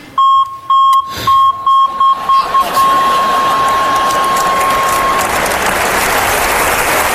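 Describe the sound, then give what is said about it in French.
A loud electronic beeping, like a vehicle's reversing alarm, repeats in quick pulses that speed up and merge into a long steady tone, while a swell of applause-like noise rises and continues. “Je pourrais jamais les oublier, c'est le même bip que le bip de recul sur ma voiture.”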